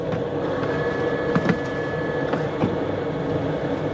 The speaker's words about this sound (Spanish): el interior de la nave, un hombre con traje espacial sin la escafandra rebusca entre los equipos.